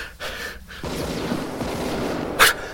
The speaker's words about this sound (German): Schüsse. Sergei hat das Ding wohl erwischt.